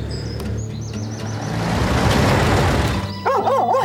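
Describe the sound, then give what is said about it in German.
Birds chirp over the rumbling engine of an approaching truck, then a dog near the end lets out a quick run of sharp, urgent, loud barks, raising the alarm. “erkennt die Gefahr und schlägt sofort Alarm.”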